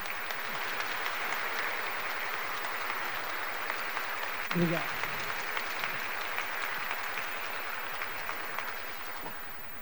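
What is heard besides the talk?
audience applauding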